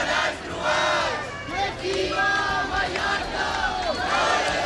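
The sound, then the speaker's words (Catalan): Thousands of protesters in Palma chant and shout in unison against mass tourism under the slogan 'Mallorca al límit', voices rising and falling in repeated rhythmic phrases, loud and sustained throughout with a constant roar of many people underneath. “D'aquest dilluns, milers de persones s'han manifestat a Palma contra la massificació turística sota el lema Mallorca al límit.”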